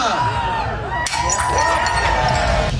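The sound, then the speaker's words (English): A single sharp crash of a plate smashed in Greek tradition by Toronto Mayor Olivia Chow at the Taste of the Danforth festival in Greektown, Toronto, at the start, surrounded by a loud, continuous crowd cheering and whooping throughout. “Mayor Olivia Chow joined the Greek tradition and smashed a plate last night.”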